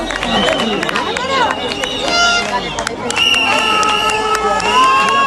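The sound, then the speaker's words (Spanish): A loud crowd of protesters cheering and shouting as they return after burning shacks and settlements on a beach, with many overlapping voices, whistles and sharp calls rising above a steady roar of babble throughout. “Y volvían ya vitoreados los manifestantes de un suceso que demuestra una situación límite, un límite de acciones que se va agrandando.”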